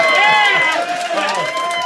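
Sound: audience cheering and screaming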